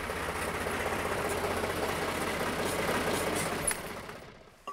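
A slurry tanker truck's diesel engine idles with a steady, loud, low throbbing rumble and broad mechanical hiss, holding constant for about four seconds before fading out. The truck is there to pump out a clogged drain in an elephant enclosure. No one speaks.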